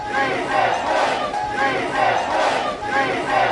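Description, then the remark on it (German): Rescue workers, helpers and relatives cheer and shout together in the middle of the night in Cali after a person is rescued from a multi-storey building following an earthquake, a loud, continuous swell of many voices rising and falling in waves, energetic. “Mitten in der Nacht feiern Rettungskräfte, Helfer und Angehörige in Kali. Sie heben die Arme, jubeln und rufen.”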